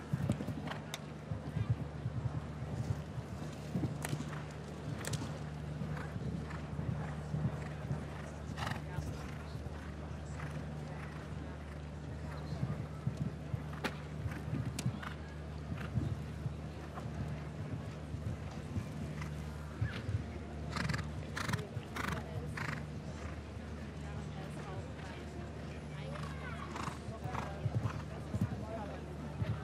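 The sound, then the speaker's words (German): Horse hooves thud at an irregular galloping pace over a steady low hum, with muffled voices in the background and a few sharper bursts of hoofbeats toward the end, as a show-jumping horse gallops its strides toward a vertical fence and an oxer. “Dann nochmal 8, 9, je nachdem, wie man das Pferd in der Frische galoppieren lässt, an Galoppsprüngen zu diesem Ochser.”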